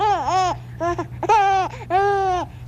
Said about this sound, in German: Ja, vermutlich haben Sie es erraten, das ist ein Menschenbaby, ein Säugling. Wenn wir es nochmals anhören, ganz genau dieses Lachen des Säuglings.